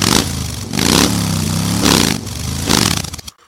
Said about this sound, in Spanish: arranque inmediato de motores!